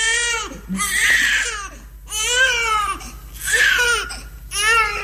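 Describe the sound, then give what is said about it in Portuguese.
A newborn baby, just born in an ambulance, cries on arrival at a maternity ward in repeated wailing bursts, about four or five strained cries with brief gasping pauses between them, loud and alone with a faint low hum underneath. “Oh, senhora enfermeira, este bebê nasceu dentro da minha ambulância e agora, aqui, ao chegar à maternidade, a parturiente deu de frosques e eu fiquei com o puto nos braços.”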